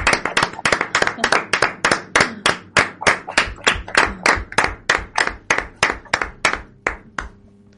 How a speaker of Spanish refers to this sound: Bueno, pues ahora vamos a pasar a hablar con las monitoras y la directora y vamos a darles un aplauso por lo bien que lo están haciendo con vosotros, ¿no? Y para ellos también, para todos.